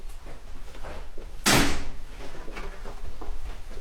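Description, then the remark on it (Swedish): A small wooden card-file drawer of an old card index system in an archive room slides open in one quick, scraping rush that fades out, with a quiet low room hum before and after. “Det är så här gammalt kortsystem i små trälådor och så doftar det.”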